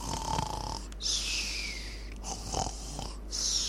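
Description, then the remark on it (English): Loud snoring: about three rough, rattling snores, each with a hissy breath between them, in a steady sleeping rhythm with no talking. “How many of us snore when sleeping?”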